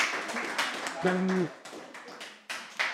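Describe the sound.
A crowd applauds with steady, dense clapping throughout, and a brief voiced tone rises over the applause about a third of the way in.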